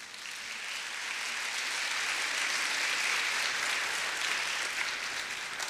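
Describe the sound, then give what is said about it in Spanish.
An audience applauds for the Lord during a sermon, a dense, steady wash of many hands clapping that swells slightly and holds for several seconds, with no talking. “Y me ayuda con un aplauso al Señor.”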